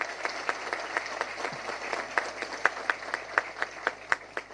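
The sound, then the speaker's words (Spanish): A crowd at a housing inauguration in Capucú applauds Minister Juan Carlos Baruja steadily, many hands clapping in a dense, even patter with sharper individual claps popping out regularly throughout. No one speaks over it. “Un fuerte aplauso para el ministro Juan Carlos Baruja.”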